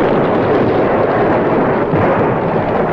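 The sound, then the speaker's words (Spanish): Loud, dense rumbling of Turkish cannon explosions on a battlefield blurs into a steady, heavy roar for the whole stretch, with no gaps of quiet and no voices. “Ahora todo era silencio, excepto las explosiones esporádicas del cañón turco, cuya voz grave pronunciaba una sentencia de muerte.”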